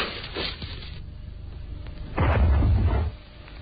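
A single small explosion bursts out partway through, a dull, rumbling boom lasting under a second over a steady background hiss, then fading quickly.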